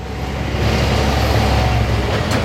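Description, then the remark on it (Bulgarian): Steady, loud roar of intense heavy truck traffic on the wet Vidin–Sofia national road near the village of Lipen in the Montana region of Bulgaria, with deep engine rumble and a broad hissing wash of tires, continuous throughout without any voices. “Трафикът е интензивен, настилката е мокра.”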